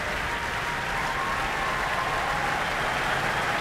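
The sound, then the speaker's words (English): Sustained, dense applause from a vast crowd at the Royal Albert Hall on a Sunday evening at the Proms, thousands of hands clapping in a steady roar that neither swells nor fades, as the crowd demands an encore. No voices rise above it. “Well, a vast crowd gathered here in the Royal Albert Hall this Sunday evening, and as you can hear, an encore is being demanded.”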